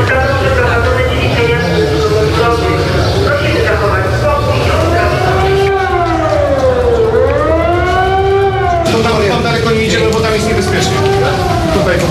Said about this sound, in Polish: W całym mieście zawyły syreny.